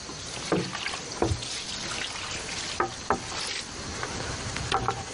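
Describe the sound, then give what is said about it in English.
Water mixed with molasses is sprinkled from a bucket onto a compost pile, trickling and splashing steadily, a continuous wet hiss broken by several brief louder splashes, with no one speaking. “We want to water the pile anyway after we get things put on, so this is a good way to be able to accomplish that.”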